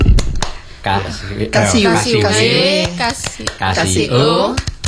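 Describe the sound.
Sharp hand claps land in a rhythmic pattern, the 'tepuk WOW' clapping chant, a quick cluster at the start and then spaced claps, woven between a voice chanting in a lively, sing-song tone.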